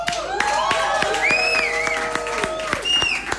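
A crowd applauds with steady, dense clapping while voices cheer and shout over it, the rising and falling calls and whistles carrying loudly above the claps throughout.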